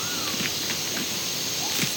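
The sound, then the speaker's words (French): Faint, irregular scratchy ticks of small claws scraping on the bark of a huge, moss-covered kapok tree come in a few short bursts over a steady hiss of light breeze and rustling leaves, on a hot, humid rainy-season afternoon. “Je perçois comme un bruit de petites griffes qui crissent contre l'écorce d'un arbre.”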